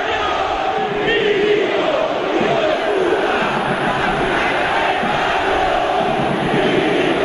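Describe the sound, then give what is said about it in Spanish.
A huge stadium crowd, about 20,000 of some 40,000 present, chants insults in unison against club president Milito after a match won by Belgrano, a loud, steady roar of thousands of voices that holds without a break for several seconds, with no individual talking heard above it. “No son todos los 40.000 que hay, pero 20.000 que lo insultan no es poca cosa para un ídolo.”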